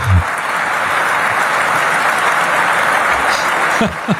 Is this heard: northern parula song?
no